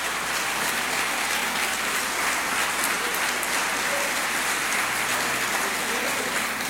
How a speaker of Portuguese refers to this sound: Você pode aplaudir ao Espírito Santo aqui.